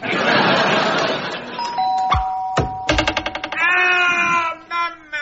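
doorbell ringing

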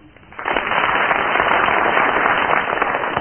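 studio audience applause

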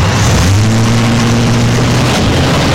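car engine revving

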